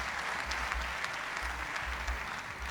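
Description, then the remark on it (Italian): Steady audience applause, a dense wash of many hands clapping at an even level throughout, with individual claps popping out now and then and no voices on top. “Pausa ancora. Applausi del presidente.”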